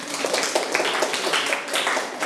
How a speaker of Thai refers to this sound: นักเรียนคนใดตอบถูกหมดทุกข้อบ้างครับยกมือครูดูหน่อยโอเคเก่งมากปรบมือตัวเองดังๆได้เลย